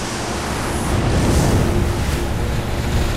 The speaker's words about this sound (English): Giant trevallis. An explosion of white water. Then a few stray feathers floating in the clear sea.